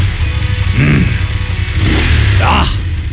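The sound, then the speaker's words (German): A motorcycle engine rumbles steadily and revs twice, the pitch swelling and falling back each time over a loud, continuous low idle. “Ihr stählernes Lebensgefühl auf zwei Rädern. Die Motorradsaison läuft, Leute.”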